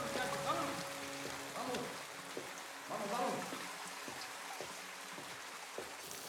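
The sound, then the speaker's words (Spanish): Steady rain hisses evenly throughout, a dense wash of falling water at moderate volume, with faint muffled voices and tones surfacing briefly beneath it. “Meses después seguía lloviendo.”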